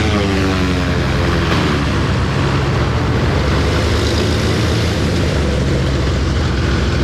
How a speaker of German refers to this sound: Jetzt landet er gerade hier und die Propeller drehen sich noch sehr, sehr schnell. Wahnsinn.